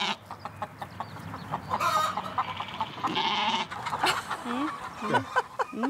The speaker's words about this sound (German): Wie viele Hühner sind denn das hier? Das sind knapp 300, nicht mehr 300, ne? 200.